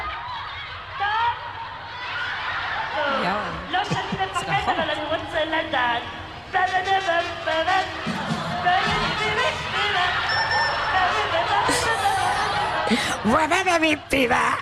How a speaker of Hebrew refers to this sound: כך זה נשמע. כן, זה נשמע את הקולות האלה, את הילדים. אלפי ילדים. אלפי ילדים.